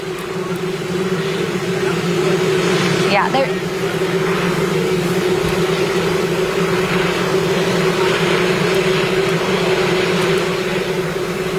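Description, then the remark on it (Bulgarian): A loud, steady helicopter drone fills the whole recording, its engine hum and rotor noise constant, burying faint voices underneath: a reporter's comment, while President Trump's words cannot be heard. “Това е коментар на репортера, чува се и хеликоптер, но не се чува Тръм.”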